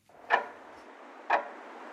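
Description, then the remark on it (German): Two crisp clock ticks about a second apart, moderately loud, over a faint steady hiss with no other sounds. “Die Uhr tickt langsam runter.”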